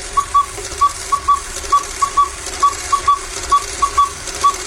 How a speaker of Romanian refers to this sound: Atențiune, la al șaselea semnal va fi ora 13.